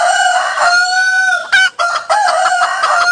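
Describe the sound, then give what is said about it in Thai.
A rooster crows loudly in long, drawn-out calls, with chickens clucking around it and a brief flurry of noise partway through. No one speaks. “กระตากกระตากกระตากเอ้ยวันนี้เจ้าไก่มาเต็มเลยนะครับ”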